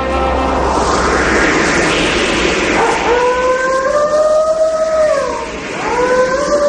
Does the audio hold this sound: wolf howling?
yes